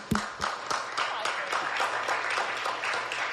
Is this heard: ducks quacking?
no